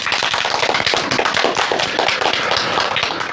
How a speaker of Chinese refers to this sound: 同学们，让我们掌声有请今天的第二位思政辅导员